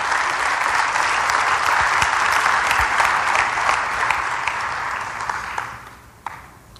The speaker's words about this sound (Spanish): Vengan aquí al frente. Sí, denles un aplauso. Vengan aquí al frente, por favor.